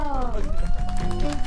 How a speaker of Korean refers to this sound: 아, 좋습니다. 큰 박수 주세요.